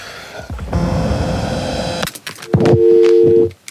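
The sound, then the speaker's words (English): A burst of steady electronic noise cuts off, followed by a few short beeps and then a sustained dual-pitched tone like a phone keypad press, fairly loud, as a home phone is being called. “Yeah, phone the home phone now.”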